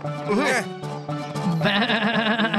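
A goat bleats loudly in two wavering bursts, a short quavering cry followed by a longer, trembling one.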